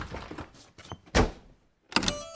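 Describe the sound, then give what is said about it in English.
A few soft rattles and clicks lead into a loud door thud as the door is shut, then after a brief pause a second sharp clunk as it is locked. “They locked the door, and the three bears played happily.”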